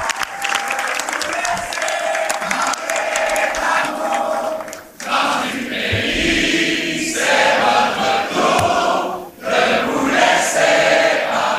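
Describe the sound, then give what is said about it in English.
A large crowd of young people, 18 and 19-year-olds, sings the unofficial Quebec anthem together over loud cheering and applause, a dense, continuous wall of voices with a couple of brief dips before it swells again. “The crowd breaks into the unofficial Quebec anthem”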